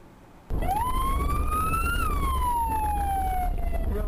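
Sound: ambulance siren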